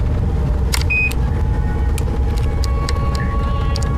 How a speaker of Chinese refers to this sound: 感觉咋样嘛？咱这小车稳当得很是吧，还难受不？听广播不？